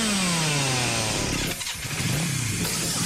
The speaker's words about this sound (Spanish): Si el rugido del motor de un auto o moto te eriza la piel, este lugar es para vos.